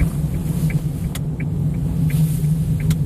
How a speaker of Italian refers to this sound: Seduto nell'utilitaria giapponese di Don Marco, auto che conosce questi tornanti a memoria